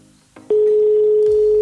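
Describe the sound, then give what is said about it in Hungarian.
After a brief quiet lead-in, a steady telephone ringback tone sounds loud through a handset, a single unbroken hum lasting just over a second. “És még egy csörgésünk van hátra.”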